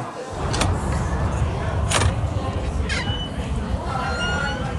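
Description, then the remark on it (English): A door is opened with a few sharp clicks and creaks spread over several seconds, heard over a steady low rumble of background noise. “You're leaving that door open.”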